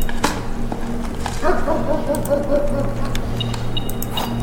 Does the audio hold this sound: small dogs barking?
yes